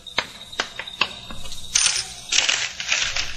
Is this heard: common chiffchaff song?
no